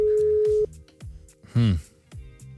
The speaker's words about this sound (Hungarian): Petra tárcsázott egy számot, ami... Amit reméljük fel is vesznek. Igen. Jó, mert csörög.